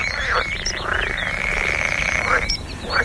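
A dense chorus of frogs croaking continuously, with overlapping rapid trilling calls that rise and fall in waves over a steady low rumble, fairly loud and with no voices.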